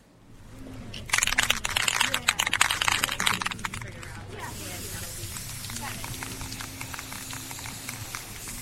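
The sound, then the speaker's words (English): A burst of spray-paint hissing in short, rapid pulses, loud, as paint is sprayed onto a cardboard sign to prepare for a march, then a softer continuous hiss with faint voices murmuring underneath. “You're spraying a cardboard sign over here.”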